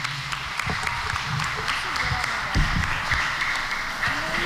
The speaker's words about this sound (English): Please give a round of applause to the Secretary General.